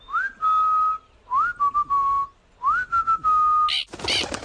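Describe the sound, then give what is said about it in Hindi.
Three clear human whistles calling a parrot named Mitthu down from a mango tree, each a rising swoop settling into a steady held tone, spaced about a second apart, followed by a brief burst of noisy rustling. “अरे वाह, तुम्हारी सीटी सुनते ही मिट्ठू झट से नीचे उतर आया।”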